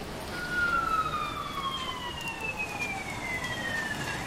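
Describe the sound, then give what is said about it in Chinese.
A police siren sounds as it passes along a street in the rain, a steady wailing tone whose pitch slowly slides downward as it moves away, over constant street and rain noise. “刚才听到了警笛”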